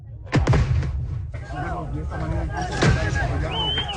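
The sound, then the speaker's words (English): Sharp bangs and pops of firecrackers and tear gas launches burst out over a noisy crowd at a protest in Bolivia, as police fire tear gas and protesters light firecrackers; two loud blasts stand out near the start and later, with shouting and babble of many voices throughout. “Police fired tear gas at protesters. Some responded by lighting firecrackers, the latest confrontation in 4 weeks of social and political turmoil.”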